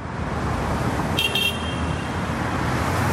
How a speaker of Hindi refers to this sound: GTA traffic में लोग अटके हुए हैं, लेकिन उनका अटेंशन तो बिल्कुल फ्री है।